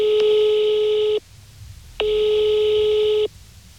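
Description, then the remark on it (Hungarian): A telephone line rings out: two long, steady electronic ringing tones separated by a short pause, clear, with no voices present, as a reporter phones the board chair of a foundation. “Bajor Gergő kuratóriumi elnököt csak telefonon sikerült elérnem.”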